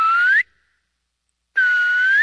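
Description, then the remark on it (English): A clear, loud whistle rising in pitch, followed by about a second of silence and then a second matching whistle, like a call answered by its echo, in a snowy pine forest. “It's just been very pleasant to call out or whistle out and have the forest speak back to you.”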